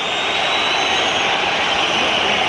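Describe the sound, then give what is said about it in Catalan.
The home crowd at the Metropolitano stadium whistles en masse at half-time of the Madrid derby as the referee and players head to the dressing rooms, a dense, shrill, unbroken wash of sound that stays loud and steady, with no voices rising above it. “Xiulets del públic local, l'àrbitre que marxa camí de vestidors, també els jugadors, empat a 0 Metropolitano, s'acaba la primera part del derbi madrileny”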